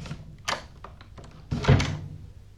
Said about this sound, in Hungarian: Az ajtó önmagától becsukódik, mihelyt elengeded a kilincset.